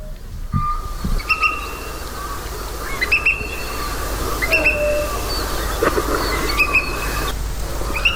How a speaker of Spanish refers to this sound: Bueno, pues así suena el águila calzada.